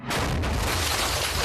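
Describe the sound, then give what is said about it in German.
A single loud, booming explosive weapon shot that punches a hole clean through a wall, with a deep low rumble and a dense roar that lingers for over a second. No one speaks. “Das war aber ein echt guter Schuss. Das ist bestimmt kein RPG.”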